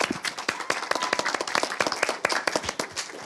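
A burst of clapping from a small audience, dense irregular hand claps filling the whole stretch at a steady moderate loudness, with no one talking over it.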